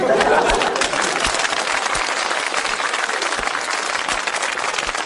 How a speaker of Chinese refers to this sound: 给你鼓掌吧，手已经伸出来了。给你鼓掌吧，心里不情愿。嗯，得了，鼓两下吧。